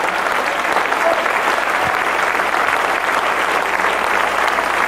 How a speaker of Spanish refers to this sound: Dale palmas al Señor.